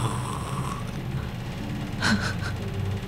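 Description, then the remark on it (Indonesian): A voice imitates a person snoring in their sleep, a rough, breathy rasp held low and steady, then a sharper snorting gasp near the end. It is moderately loud, with no other talk. “Iya, ngorok gue bilang, iya ngorok, kayak orang ngorok kayak gimana sih, tidur ngorok tuh kayak gimana.”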